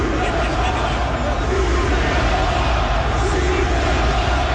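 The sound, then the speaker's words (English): A crowd of 20,000 at a Montreal Canadiens (Habs) ice hockey playoff game against Carolina chants "shoot the puck" together in a steady, continuous wall of voices, loud and unbroken for several seconds with no single speaker standing out. “That is 20,000 people chanting, shoot the puck.”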